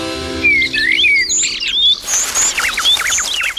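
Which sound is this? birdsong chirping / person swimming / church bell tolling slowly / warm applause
birdsong chirping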